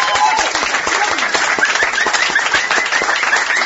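Loud, steady audience applause at a folk music show welcomes the featured singer, filling the whole stretch, a dense crackle of many hands clapping with some cheering voices mixed in and no pause.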